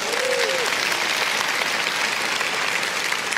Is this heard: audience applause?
yes